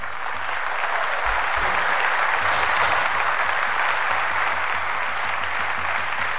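A crowd of supporters applauds a wrestler as he walks toward the oil cauldron at an oil wrestling match, a dense wash of many hands clapping at once. The sound is loud and sustained throughout, with no pauses and no talking.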